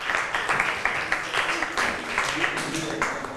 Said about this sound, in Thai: ขอบคุณค่ะปรบมือให้เพื่อนทั้ง2คนหน่อยค่ะ